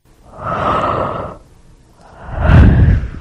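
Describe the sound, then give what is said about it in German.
A person yawns loudly, with a long breathy inhale, a brief pause, then a deeper, groaning exhale that swells and trails off. “Zum Gähnen langweilig natürlich, das ist nämlich auch die Lösung.”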